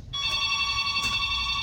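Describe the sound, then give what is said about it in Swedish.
A telephone rings with a steady, bright electronic tone that starts almost at once and holds for the rest of the short clip, fairly loud over a low background rumble, with no talking. “Och sådär, ja, det ringer på, det är jättekul.”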